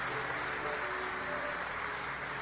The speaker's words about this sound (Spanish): Más fuertes aplausos para el Rey que vive y permanece para siempre.